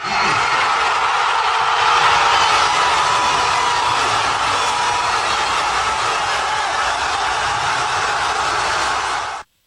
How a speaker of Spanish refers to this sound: Decenas de miles de aficionados saltaron y gritaron, mientras que otros se abrazaron no solo con amigos, sino hasta con desconocidos. Aquí el momento.